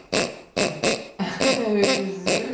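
A squeaky dog toy played like an instrument: several short, evenly paced honking squeaks, then longer wavering squeals that bend in pitch, fairly loud with no talking.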